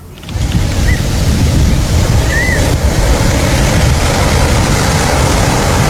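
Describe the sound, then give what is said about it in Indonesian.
Ocean waves roll onto a beach in a loud, steady wash of surf that barely rises or falls, with a couple of faint, brief chirps above the roar and no one speaking. “kok bisa ini pantai banyak sampahnya?”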